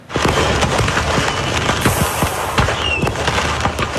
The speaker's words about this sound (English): A truck hauling fireworks exploded, sending pyrotechnics into the sky on Saturday. The sparks stopped traffic in both directions for several minutes before the show was brought to an end with no injuries.